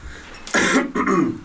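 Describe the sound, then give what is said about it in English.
Someone clears their throat twice in quick succession, two harsh, raspy bursts with a brief pause between them. “Let me clear my throat.”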